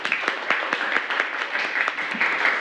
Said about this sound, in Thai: ตะเข็บเหนาเท่าผลงานของใครคะกลุ่ม3เอาปรบมือให้กลุ่ม3หน่อย